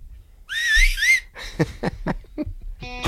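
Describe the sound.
A person whistles to call cattle: a loud, wavering whistle rises and dips for under a second, followed by a string of short, sharp whistled bursts and a final buzzy tone, with no talking.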